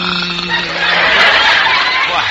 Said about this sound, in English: He's just clearing his throat.